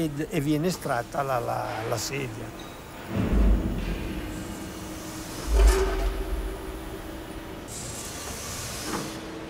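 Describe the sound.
After cooling, an injection mould opens with a hydraulic hiss and two heavy clunks, then a polypropylene monobloc plastic chair, made in one piece, is pulled free amid steady machine noise; a voice speaks briefly at the start.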